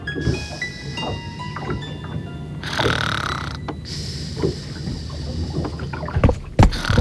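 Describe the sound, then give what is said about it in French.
A wooden boat at sea creaks and groans as it rolls, with swells of water sloshing against the hull and occasional low knocks, steady, with no voices. “Elle somnole en se laissant bercer par le roulis du bateau.”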